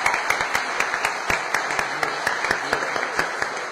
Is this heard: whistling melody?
no